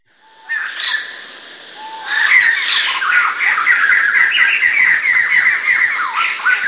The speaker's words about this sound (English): A lot of people hear about this, they want to know, did the bird imitate you? Did he copy you? That's kind of sort of insulting way to respond to another musician. Why should he want to copy me? Why should I be interested in that?